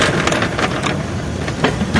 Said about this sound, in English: That is not what a wheelchair is supposed to sound like. One of his wheels is wobbly.